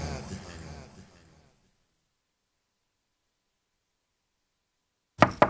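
Muffled, indistinct sound fades out, then after several seconds of silence come two sharp, loud knocks on a door in quick succession.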